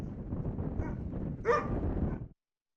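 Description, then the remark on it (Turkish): Kangal dogs bark and whimper over a dense, restless background of animal noise, with one louder yelping bark standing out midway before the sound cuts off abruptly. “Her türlü olumsuzluğu köpekler yaşıyorlar.”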